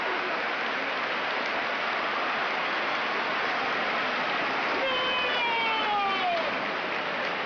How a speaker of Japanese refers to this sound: 背中に回ってウラ送り倒し、勝ったのはウラ。動きのある相撲に館内は大喝采。